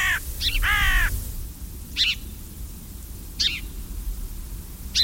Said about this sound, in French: La corneille, elle aussi, est très, très omnivore et qui n'est pas toujours appréciée de tous les agriculteurs.